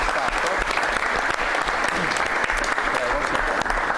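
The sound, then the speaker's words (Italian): Sustained applause from a sizable audience, a dense continuous patter of many hands clapping at steady loudness for several seconds, with no individual voices standing out. “lo presentiamo meglio perché siamo stati coperti dagli applausi, ma è una cosa positiva”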